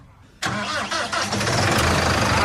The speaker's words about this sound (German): Hier sind wirklich mega Maschinen, die fettesten Traktoren. Das sieht wirklich sehr, sehr eindrucksvoll aus. Und wir wollen es auch erstmal hören. So klingt so eine fette Maschine.